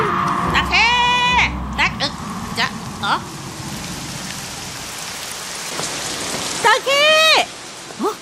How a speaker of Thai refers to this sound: ฝนตกเฮ้ยแย่แล้วสิ